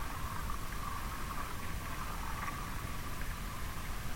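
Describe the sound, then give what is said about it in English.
Steady radio static hisses throughout, with faint, irregular crackles from the ionosphere flickering through the noise, picked up away from urban electric infrastructure with no human-made interference nearby. No voices, just a continuous low-level wash of crackling interference. “we hear this cracking, this small cracking, which is actually from the ionosphere.”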